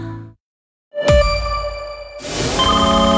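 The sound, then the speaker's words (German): A telephone rings loudly, its bright metallic bell tones starting abruptly after a short silence and sustaining into a denser burst of ringing, with no voices. “Wenn eine unbekannte Nummer anruft, geht keiner gern ans Telefon.”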